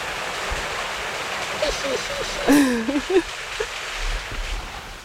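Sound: rushing water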